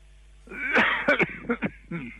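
An elderly listener calling into a radio hotline coughs and clears their throat over a thin, band-limited phone line: a rough burst followed by several short, sharp coughs in quick succession, moderately loud and with no talking.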